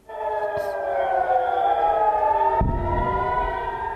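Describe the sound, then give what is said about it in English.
A wailing air raid siren sounds steadily over northern Israel during Iranian missile strikes, its sustained tones slowly sliding in pitch, with a low rumble of wind or traffic entering partway through. “We can hear there the sirens sounding over northern Israel.”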